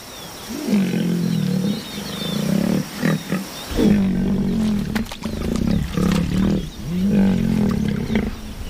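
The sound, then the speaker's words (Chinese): A young male lion named Tatu, growing a majestic mane as a sign he is nearing adulthood, roars in a series of deep, rumbling bursts, each swelling and fading in a steady rhythm, loud and unaccompanied by any voices. “出威严的鬃毛，这是公狮接近成年的信号。”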